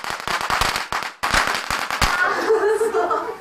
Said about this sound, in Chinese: 苗年的龙日相当于是新年的一天，每家每户一开门都要放鞭炮除旧迎新。